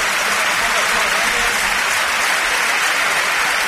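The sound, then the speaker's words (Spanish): A large stadium crowd at the Campos de Sport de El Sardinero applauds steadily as Alavés footballer Aitor Mañas is carried off the pitch on a stretcher. A dense, continuous wash of clapping fills the whole moment with a low murmur of voices underneath. “Sí, sí, sin duda alguna, los campos de Sport del Sardinero que se han volcado con Aitor Mañas, ahora se vaya en camilla el terreno de juego y ahora, mira, así suena el Sardinero, que lo aplaude todo el mundo.”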